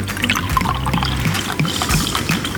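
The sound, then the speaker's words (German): New sweet wine, the first glass of this year's, being poured into a glass, a steady gurgling trickle that runs for a couple of seconds with no one speaking. “Und jetzt schenken wir ein, das erste Glas neuen Süßen dieses Jahr.”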